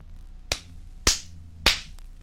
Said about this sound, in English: Number 14 was the palm of my hand.